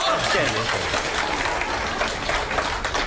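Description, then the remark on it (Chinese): Sustained audience applause for two performers after a Chinese crosstalk (xiangsheng) act, a dense, steady wash of many hands clapping at fairly even loudness for about three seconds, with no clear voice rising above it. “谢谢您的掌声， 多热情啊！”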